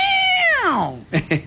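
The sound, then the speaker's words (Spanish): A person vocally imitates the pained yowl of a cat whose tail has been stepped on: one loud, drawn-out cry that slides sharply downward in pitch, followed by two short, raspy bursts. “La clásica pisada de cola del gato hace...”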